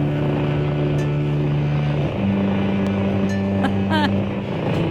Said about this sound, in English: Sounds like a purry cat, doesn't it?